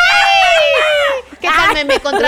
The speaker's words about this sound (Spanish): ¿Te sale el grito mexicano? ¿Te sale un grito mexicano o en él?